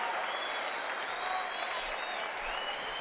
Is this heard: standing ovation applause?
yes